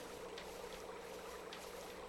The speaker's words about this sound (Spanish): Escucha. Debemos estar cerca del río, ¿eh?